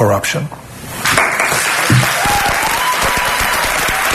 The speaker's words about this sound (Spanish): Con los aplausos de los estudiantes que estaban allí participando en esa charla que era sobre inteligencia artificial,